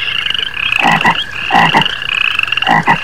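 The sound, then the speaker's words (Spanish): Toads croak in a steady chorus, with three loud, throaty pulses standing out over a continuous buzzing trill in the background. No voices, just the layered calls. “Ahí los sapos organizaban sus conciertos vespertinos.”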